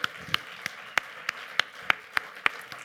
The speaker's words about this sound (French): Allez, on peut les applaudir bien fort, il faut un truc de dingue pour la culture ici.